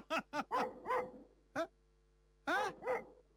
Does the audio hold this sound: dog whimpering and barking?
yes